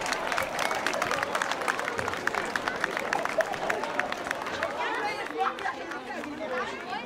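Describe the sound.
Steady applause with many hands clapping in dense, irregular rhythm, mixed with crowd chatter and a few excited voices, lasting several seconds at an outdoor swimming pool, after a public announcement that a child has just passed the Seepferdchen swimming badge.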